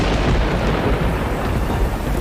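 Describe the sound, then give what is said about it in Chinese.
Rain starts as a heavy, steady wash with a deep rumble of thunder rolling underneath, loud, continuing evenly throughout with no voices. “哇，真的下雨了！”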